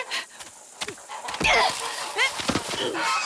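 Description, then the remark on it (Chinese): Several sharp, nasal goose honks burst out in quick, irregular succession, mixed with scuffling thumps and rustling as if birds are flapping and struggling. A mother goose with a group of goslings is eating seedlings while someone tries to grab her. “坏大鹅，你叫！叫你叫，就撒手，叫那些小鹅仔住嘴！”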